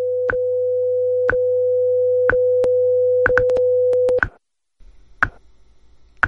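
A radio time signal marking the top of the hour on WIZULP Newark: a steady electronic tone with sharp ticks roughly once per second, cutting off abruptly after about four seconds, followed by a brief pause and a few more ticks.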